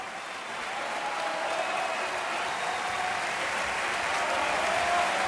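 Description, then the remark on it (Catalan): An opera audience at the Liceu applauds tenor Xavier Anduaga steadily, a dense, continuous wash of clapping that swells slightly in the first half second and then holds loud and even throughout, with no voices standing out. “Només cal sentir com estan aplaudint el públic.”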